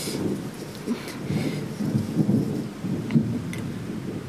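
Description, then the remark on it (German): A thunderstorm with steady rain hissing throughout and low, rolling rumbles of thunder swelling and fading in the background, with no voices. “Ist schon unheimlich, so ein Gewitter.”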